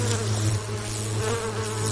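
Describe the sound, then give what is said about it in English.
A bee buzzes steadily in flight while visiting a flower. The air moved by its fluttering wings makes a continuous low, droning hum that wavers slightly in pitch. It is fairly loud, with no voices present. “When you hear a bee buzzing along visiting a flower, you're hearing the movement of air made by the fluttering of its wings.”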